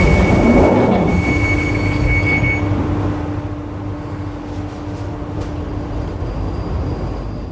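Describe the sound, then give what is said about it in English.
A London Underground Northern Line tube train runs loudly and steadily, a dense rumble of wheels on track with a high electric whine at first that fades, leaving a sustained lower drone. “God, blimey, been on the tube all night since 6 o'clock.”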